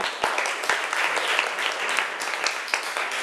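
applause

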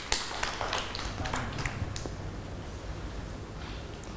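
children clapping

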